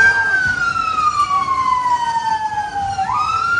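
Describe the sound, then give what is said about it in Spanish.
A fire engine siren wails loudly at night on the streets of Belfast, Northern Ireland, where fire crews were putting out dozens of fires in houses and vehicles. Its pitch slides slowly down and then rises again, over a steady rumble of street and traffic noise. No one speaks. “Son las sirenas de bomberos que han tenido que sofocar decenas de incendios en casas y vehículos en una noche muy tensa en las calles de la capital de Irlanda del Norte.”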